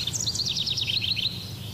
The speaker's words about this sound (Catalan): els rius baixen amb aigües pristines i unes temperatures més benignes que permeten assistir a un veritable festival d'estiu pel que fa al cant dels ocells. Ara obrim, per exemple, aquest micròfon que tenim allà al Pirineu. Mira, mira.